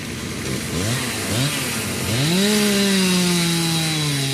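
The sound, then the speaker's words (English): A chainsaw, used by a crew cutting fallen trees from the roads, sputters with a couple of short throttle blips, then revs up into a steady, loud, high-pitched whine that holds to the end, with no voices. “The hum of generators is in the air, and chainsaw crews are cutting trees from the roads.”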